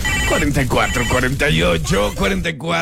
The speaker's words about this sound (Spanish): Teléfono en cabina.